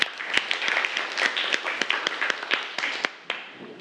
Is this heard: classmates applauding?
yes